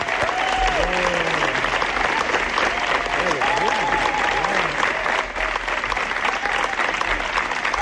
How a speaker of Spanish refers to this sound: Ha sido una ovación, no como las del Festival de Cannes, pero bueno, casi parecido.